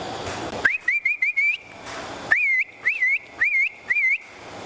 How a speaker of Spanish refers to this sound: Por ejemplo, llegaba usted y iba a buscar la vaca de ordeño y comenzaba... como diciéndole para el corral, y se aislaban la vaca. Ese era el silbío. O sea, para que se aislaran las bestias, sí.